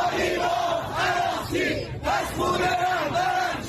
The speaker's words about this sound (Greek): Στην Τεχεράνη, σκληροπυρηνικοί διαδηλωτές βγαίνουν στους δρόμους και φωνάζουν συνθήματα κατά της Ιρανικής ηγεσίας και ζητούν εκδίκηση για το αίμα του εκλειπώντος Αγιατολλάχ Αλί Χαμενεΐ.